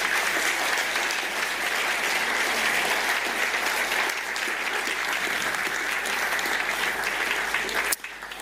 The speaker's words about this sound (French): Soyez bénis et je vous propose qu'on les remercie en les applaudissant. Merci beaucoup.